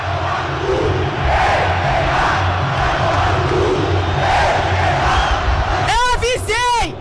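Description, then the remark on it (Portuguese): A large crowd of football fans in a stadium chants together in a loud, rhythmic roar, a dense wall of many voices repeating a phrase aimed at a player, with a few sharp whistles cutting through near the end. “a torcida tem um recado para você.”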